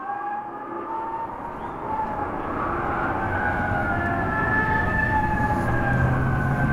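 Several police car sirens in Dallas wail together in long, slowly rising and falling tones over a steady low rumble, holding at a constant, fairly loud level with no voices.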